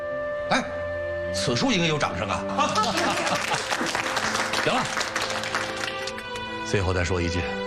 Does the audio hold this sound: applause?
yes